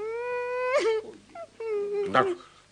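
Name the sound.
crying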